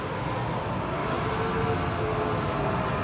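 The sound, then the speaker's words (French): Several motorcycles revving while doing burnouts at the finish of the 8 Hours of Suzuka endurance race, in a steady, dense roar with faint tonal whines running through it, loud and continuous for the whole stretch, with no talking. “On entend quelques motos là qui... doivent réaliser des burns.”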